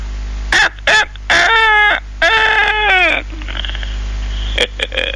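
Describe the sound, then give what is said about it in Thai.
A rooster crows loudly, a strained, wavering call stretched over two long phrases after a couple of short squawks, with a steady low hum underneath. “ก็มาพักกันเป็นประจำทุกวันในเวลาเดียวกันนี้เวลาไก่ขันตั้ง”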